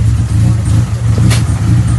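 A Skoda Rally 2 rally car engine roars loudly, a steady low growl that throbs and surges through two seconds with a brief raspy burst midway. No voices are heard.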